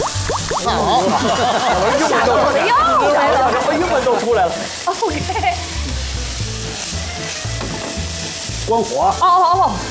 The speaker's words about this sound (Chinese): 这时候您看。 黄瓜条下锅了，哦，哎，我真想不到这菜什么味儿没吃过，这一下锅咱们就往里边搁东西了，加点盐花